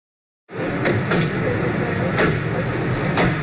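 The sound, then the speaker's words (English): A steady wash of outdoor vehicle noise with several sharp clunks, like car doors opening and shutting, while men's voices murmur indistinctly underneath; from a 1995 news video of Serbian President Slobodan Milosevic arriving at a U.S. Air Force base near Dayton, Ohio. “Everyday sounds of car doors opening and men chatting.”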